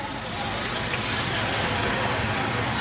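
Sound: road traffic passing by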